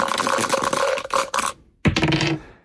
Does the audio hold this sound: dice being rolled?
yes